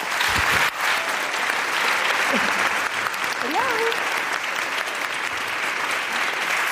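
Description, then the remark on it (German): Sustained audience applause welcoming a female guest to the stage, a dense, steady wash of clapping that fills the whole stretch at a loud, even level, with a brief voice and a few whoops rising over it. “Bitte einen riesigen Applaus für eine grandiose Frau,”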